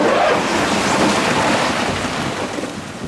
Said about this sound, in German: Jetzt kippt er dann gerade diese Mulde voll Steine da in dieses Loch rein, weil er muss ja die Piste bauen durch diese Minischlucht, die hier ausgewaschen worden ist.